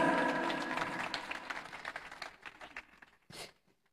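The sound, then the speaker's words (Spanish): Loud applause from an audience for the praise ministry Embajadores de Rey, dense clapping that starts strong and gradually thins out into scattered claps, ending with a final burst before quiet. “¡Qué fuertes aplausos, que hermanos y hermanas!”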